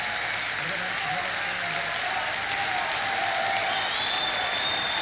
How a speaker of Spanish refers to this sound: Un fuerte aplauso una vez más para Nahuel. Gracias, Nahuel, por estar con nosotros.